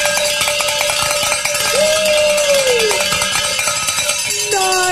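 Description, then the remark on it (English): A Share-a-thon celebration bell at radio station 89.7 KJMA rings loudly and continuously for a listener's pledge, in rapid repeated clangs, its bright metallic strikes blurring into a steady jangle with a sustained tone that slides downward in pitch midway. “Let's say the Share-a-thon bell ringing celebration prayer”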